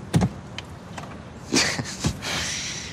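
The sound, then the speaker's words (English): A convertible car's engine stalls as it jerks to a stop in first gear in a parking lot: a few sharp mechanical clunks and sputtering bursts, then a lingering hiss as it dies, moderately loud, with no talking. “The convertible jerks to a stop. Stall.”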